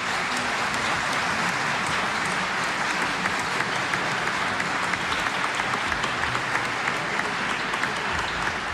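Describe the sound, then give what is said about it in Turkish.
An audience applauds a choir of Turkish folk songs (türkü) and its conductor Zafer Gündoğdu with steady, dense clapping that holds at an even level for several seconds, with no voices heard over it. “türkülerin dillerini ve tellerini, renklerini ve güzelliklerini, koromuzu ve şefimiz Zafer Gündoğdu'yu bir kez daha gönülden alkışlar mıyız?”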